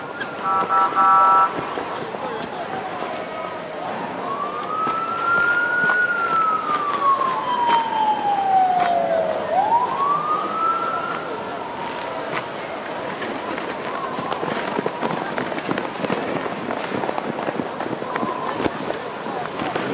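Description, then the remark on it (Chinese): An ambulance siren wails in long rising and falling sweeps at an emergency scene where police call for a doctor and an ambulance, fairly prominent amid a noisy, chaotic scene with voices and commotion underneath. “有大夫没有？赶紧扶救护车 这边， 快快快快！”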